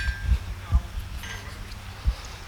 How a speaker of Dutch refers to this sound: Dat is een smid aan het werk. Ja. Nou ja, het is inderdaad een soort van orvelte, want daar gebeurt dat soort dingen, hoor.